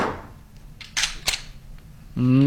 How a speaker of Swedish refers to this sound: Det där ljudet känner nog många igen. Och han som åstadkommer det med en Glockpistol